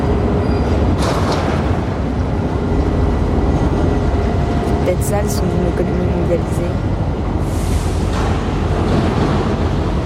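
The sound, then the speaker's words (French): Constant heavy industrial rumble of engines at a busy container port terminal, with a few sharp metallic clangs and a drawn-out screech in the middle, while a man speaks over it. “Des fracas métalliques. Des crissements. Des moteurs.”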